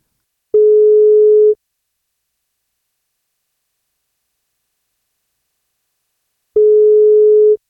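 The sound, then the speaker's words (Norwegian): Two steady electronic ringback tones from an outgoing phone call to the parents of a newborn in Elnesvågen, each about a second long and separated by a long silent gap, with no voices. “Det er frokostshowet på 1.5 som ringer deg.”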